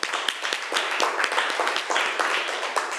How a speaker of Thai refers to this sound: ขอเสียงปรบมือให้ตัวแทนจากกลุ่มที่4ด้วยค่ะ